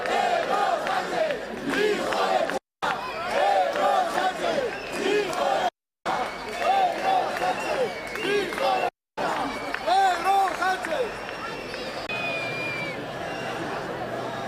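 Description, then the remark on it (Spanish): A large crowd jeers, boos and shouts insults at Pedro Sánchez, president of the government, as he is received, voices overlapping in a constant roar of shouts with shrill whistles piercing through; the noise cuts out briefly three times before resuming. “Pues qué pitos, abucheos e insultos al propio qué vergüenza que, presidente.”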